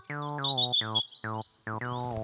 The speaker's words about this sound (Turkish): O bir kara tavuktu çocuklar. Tavuk mu? Tavuk değil, kara tavuk